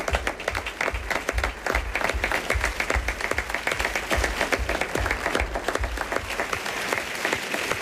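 Sustained audience applause, a dense steady wash of many hands clapping at a fairly loud, even level for several seconds with no voices standing out.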